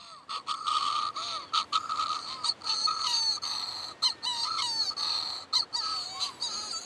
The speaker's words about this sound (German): Mit einem Diktiergerät spielt sie Vogeltöne ab und wartet auf Antwort.